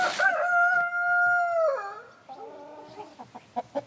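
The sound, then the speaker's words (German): A German Salmon rooster crows once, loud, a long sustained call that breaks off, followed by a few softer clucks near the end. “Sie züchten das deutsche Lachshuhn.”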